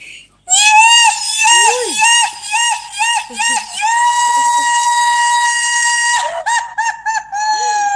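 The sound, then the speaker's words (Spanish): A Paraguayan sapukái, sent in for Sapukái Day: one long, piercing, high-pitched shout held for about six seconds with a wavering, trilling edge, then a few choppy bursts before the cry rises again. “Bueno, ahí le mando un zapucay.”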